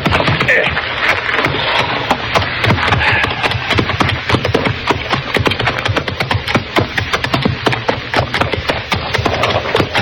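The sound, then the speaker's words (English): Horses' hooves clip-clop continuously, a dense, brisk run of sharp knocks from several hooves overlapping for the whole stretch, loud and unbroken; the horses have no one driving them. “That looks like horses down there.”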